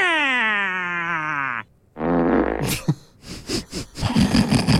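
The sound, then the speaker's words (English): A long, buzzy fart sound effect played on The Breakfast Show slides slowly down in pitch, then after a brief pause comes a rougher, sputtering blast followed by several choppy bursts. “She's losing her marbles right now over a fart noise.”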